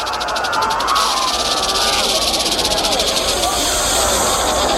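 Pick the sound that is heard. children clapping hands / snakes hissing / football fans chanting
snakes hissing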